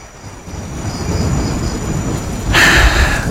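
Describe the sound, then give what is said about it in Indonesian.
Steady rain falls with a low rumbling undertone, then grows suddenly heavier and hissier partway through, a dense, continuous wash of sound with no voices. “Hujan gini, masih ingat waktu kita belum terkenal ya?”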